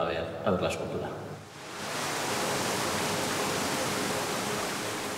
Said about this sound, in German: Um das Meer auch zu hören, simuliert hochgepumptes Wasser die Brandung der baskischen Küste.